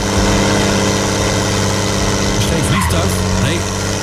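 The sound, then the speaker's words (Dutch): Heavy tractor engines roar steadily and loudly throughout at a tractor pulling event in Klarenbeek, with a burst of slipping, squealing tyres rising near the end over the constant drone. “Het zijn zware motoren en je hoort slippende banden.”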